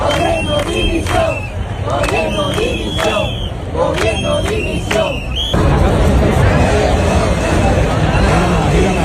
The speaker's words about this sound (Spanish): No solo con lemas de apoyo, como pueden escuchar, también con gritos de dimisión, con insultos en algún caso y con aplausos, como los de Córdoba, donde se manifestaron 23.000 cordobeses.